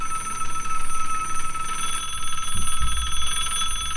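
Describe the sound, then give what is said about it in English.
The phones of Jerry Lewis's telethon: a bell-style telephone rings continuously with a rapid, trilling clang, loud, with no one talking over it. “Wait, I'm not going to answer your phones for you, Jerry.”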